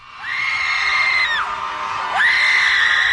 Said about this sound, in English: Before you get concerned, that's not the sound of fear. For 20 minutes, about 200 people gathered at Trammell Crow Park and did something most of us are taught not to do in public. They screamed.